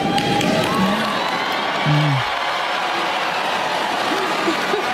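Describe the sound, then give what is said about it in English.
A large crowd at a commencement speech boos steadily after a line about the rise of artificial intelligence, a dense wash of low, drawn-out voices with a few louder individual boos rising out of it. “She didn't, that was not an applause line, and that was a surprise boo line.”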